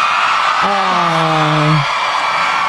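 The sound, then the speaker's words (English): A Saskatchewan crowd cheers in a steady, noisy roar as Jess Moskaluk is invited to make her Grand Ole Opry debut, with one voice letting out a long, held whoop that rises above the din for about a second before fading back in. “I had to cut out 60 seconds of cheering in that clip.”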